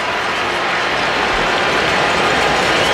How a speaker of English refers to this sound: Crowd whipping it up behind Freddie, and the 2-2 pitch, very high, 3-2.